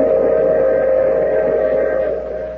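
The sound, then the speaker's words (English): A train at a station sounds one loud, steady whistle blast held for a couple of seconds over a low mechanical rumble. The whistle eases off slightly at the end, and no one speaks. “Oh, you have to get off here. I'm sorry. But I'm sure we'll meet again. I take this same train every week at the same time.”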